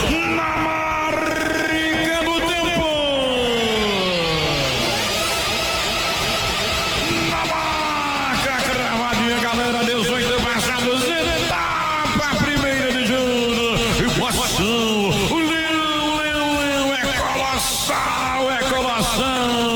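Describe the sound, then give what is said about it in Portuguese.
A packed crowd of Leão football fans cheers and chants loudly and continuously at the Barradão stadium in Brazil, many voices singing together in rising and falling tones, with yells and whoops breaking through the roar. “A torcida do Leão faz a festa no Barradão do Brasil do Mundo.”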